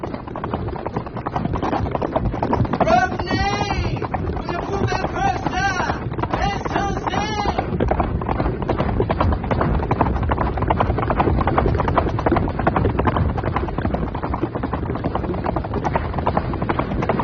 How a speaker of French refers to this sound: Galope à tombeau ouvert le long d'une piste sinueuse. Enfin, ils s'arrêtent pour faire reposer leurs chevaux